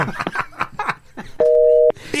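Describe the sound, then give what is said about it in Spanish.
A steady telephone line tone hums for about half a second, clear, sandwiched between quick bursts of talking and laughter, as a phone call comes into the studio booth. “El teléfono en cabina.”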